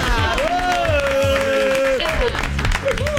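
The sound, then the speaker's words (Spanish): A crowd applauds steadily and loudly throughout as a host calls out names for them to applaud, dense clapping mixed with a long high-pitched shout or whoop rising above the noise and other voices calling out. “Yo tiro nombre y ustedes aplauden, ¿eh?”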